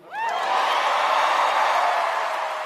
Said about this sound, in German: Im Saal stehen Menschen auf. Applaus, standing ovations.